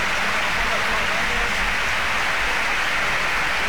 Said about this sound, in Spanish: Sí, sí, sin duda alguna, los campos de sport del Sardinero que se han volcado con Aitor Mañas, ahora se vaya en camilla el terreno de juego y ahora, mira, así suena el Sardinero, que le aplaude todo el mundo.